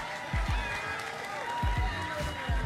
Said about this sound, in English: Y'all give them a round of applause, God dog.